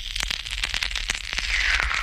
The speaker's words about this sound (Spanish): Cuyo sonido sonaba, pero es que te metías el caramelo en la boca, he dicho eso, pero es que este era el ruido que hacía el caramelo cuando te lo metías en la boca.